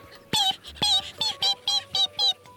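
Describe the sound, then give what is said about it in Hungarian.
About seven high, thin cheeps of newly hatched ducklings around their mother's nest in the reeds on a riverbank follow one another in a quick, steady rhythm, fairly loud, with nothing else going on around them. “Csipogták.”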